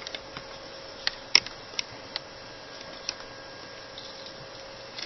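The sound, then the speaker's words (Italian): Sharp, irregular clicks of laptop keys being typed, picked up by the laptop's internal microphone, a scattered handful of taps with one louder strike, over a steady low electrical hum and faint background hiss. No one speaks. “Comunque devo necessariamente cambiare microfono perché questo che sto usando è il microfono interno del portatile. E non posso usarlo perché appena digito si sente un bordello della Madonna di Gesù.”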